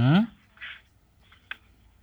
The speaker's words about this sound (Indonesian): Ini ada buka buku catatan nih, kok. Iya. Berapa dengar bunyi kertas dari sini.